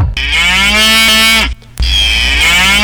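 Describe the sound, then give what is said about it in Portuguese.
A cow named Barrosa moos twice at milking time, loud: a long, drawn-out low call, a brief pause, then a second sustained moo. No voices can be heard. “Na hora de tirar o leite da Barrosa, a polenta tá pronta, a farofa tá pronta, tá na hora.”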